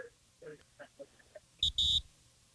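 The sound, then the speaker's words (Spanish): Soft talking gives way to a radio host's mobile phone buzzing twice in quick succession, two loud, harsh, high-pitched bursts, the second one longer, as incoming messages arrive. “Escuche, así está mi teléfono ya.”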